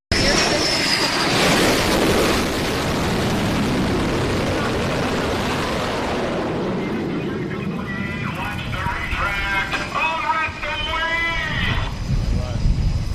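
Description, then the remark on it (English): An F-18 fighter jet roars loudly for several seconds as it lands on an aircraft carrier near the Strait of Hormuz, its tail hook catching a wire on deck: a broad rushing blast that then drops away, leaving background rumble with voices calling out over it. “there's an F-18 that's getting ready to land.”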